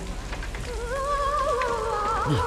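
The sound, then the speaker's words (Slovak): Hail patters down steadily in a dense storm wash during a thunderstorm, with a high, wavering tone sliding in over it partway through. “Sypú sa krúpy a ona si tancuje na stráni.”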